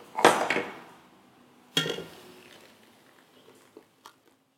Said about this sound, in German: Und dann kommt jetzt das gemixte Mandeln, Wasser und Honig dazu.